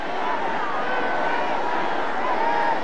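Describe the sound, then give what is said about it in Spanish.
A large crowd in Mexico City's Zócalo shouts and cheers for President Claudia Sheinbaum as she says farewell, chanting "presidenta, presidenta", a steady, loud roar of many voices blending together without pause for the full few seconds. “Escucha el grito de la gente.”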